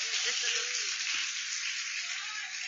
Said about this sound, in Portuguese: Então vamos receber o servo de Deus com palmas para Jesus.